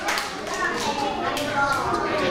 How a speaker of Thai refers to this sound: เก่งมากเลยขอเสียงปรบมือให้กับเพื่อนกลุ่มที่2ด้วยค่ะ